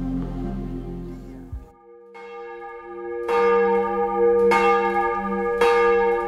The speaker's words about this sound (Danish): Vi hører klokkerne i Vor Frue Kirke Domkirken i København, som ringer til morgenandagt.